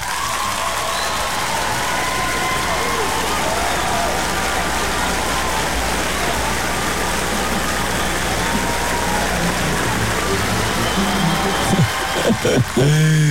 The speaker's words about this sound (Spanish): Nada más, ¿me pueden ayudar con unos aplausos?